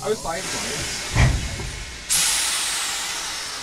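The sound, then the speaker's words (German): A steam locomotive hisses steadily during shunting at a railway station, then a loud, sharp burst of escaping steam erupts and keeps roaring. A brief clank and faint voices sound in the background. “der Heizer, die rufen sich hier während des Rangierens auf dem Bahnhof.”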